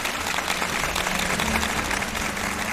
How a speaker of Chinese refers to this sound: 所以我们还是要把掌声送给每位首席们，真的太不容易了。